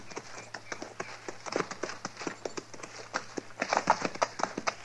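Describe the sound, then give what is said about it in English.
Steady hoofbeats clip-clop in a brisk, regular rhythm as horses are ridden along by riders following a man's trail, the sharp taps over a low constant hum, with a slightly faster flurry near the end. “You ride to one side, and I'll follow his trail.”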